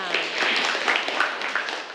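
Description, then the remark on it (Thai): A class of students claps for a student representative about to present an activity sheet on reading poetry aloud, a dense, steady patter of many hands lasting throughout, moderately loud, with faint voices mingling underneath. “ขอเสียงปรบมือให้กับตัวแทนค่ะ”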